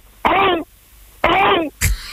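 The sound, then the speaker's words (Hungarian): A person imitates a raptor in a Jurassic-era scene calling its companions to a big feast, giving two loud, rasping, warbling shrieks of similar length with a pause between, followed by a short harsh burst of breath. “lezuhant a repülő, mi már halottak vagyunk, és őt még kinézi három raptor, és leadja a társainak, hogy gyertek, nagy lakoma van.”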